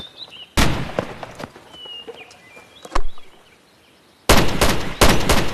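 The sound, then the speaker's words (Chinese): Loud bursts of rapid gunfire, a volley of shots, then a lone crack, then another sustained volley, with faint birdsong chirping in the quiet gaps between. “瞎打什么？”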